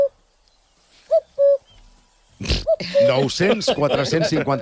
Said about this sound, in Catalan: Mira, mira aquest. Cucut. Cucut. Ui.